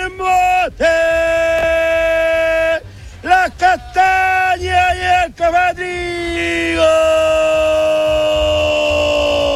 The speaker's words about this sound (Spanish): ¿Y cómo sería el gritito entonces?